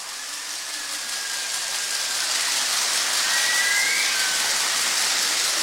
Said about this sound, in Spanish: Su aplauso comienza ahora.